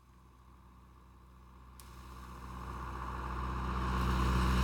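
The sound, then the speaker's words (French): A tractor engine approaching along the road, its low, steady rumble growing steadily louder over a few seconds as it draws near. No one speaks. “Tu crois que c'est lui? Mais non, c'est un tracteur.”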